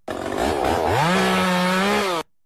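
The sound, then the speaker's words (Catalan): A chainsaw running in the morning: its engine revs up, rising in pitch, then holds a loud, steady buzzing whine for about two seconds before cutting off abruptly. “El mussol, la motosserra del matí.”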